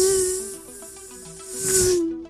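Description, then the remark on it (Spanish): A fly buzzes with a steady, low droning hum and a hissy edge, heard coming from far away. It swells briefly louder near the end, then flies off and fades out. No one speaks. “Y se fue la mosca, güey.”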